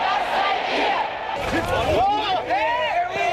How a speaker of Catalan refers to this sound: A Alemanya, incidents a la ciutat d'Erfurt entre la policia i els manifestants contraris a la celebració del Congrés de la Formació d'Extrema Dreta Alternativa per Alemanya.